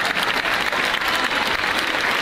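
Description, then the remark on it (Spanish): Sustained audience applause for the people who work with the festival associations, at a 115-year-old festival in Laredo: a dense wash of many hands clapping at a steady, fairly loud level throughout, with no speech over it. “Un fuerte aplauso, lo primero, para ellos y toda la gente que colabora con las asociaciones.”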